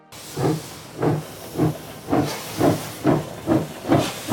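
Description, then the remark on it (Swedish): A steam locomotive chuffs in a steady rhythm of about eight strong, hissing puffs over a low rumble, the beats spaced roughly half a second apart as the train pulls away from Zürich. “Fast när tåget lämnar Zürich är Willy Münzenberg inte med.”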